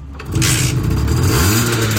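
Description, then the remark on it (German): A Simson S51 moped, won as a Hitradio RTL prize, is started with its key; the engine catches and runs loudly, its buzzing tone climbing in pitch as it revs, with no voices over it. “Die Susanne, die hat nämlich die Simson S51 gewonnen.”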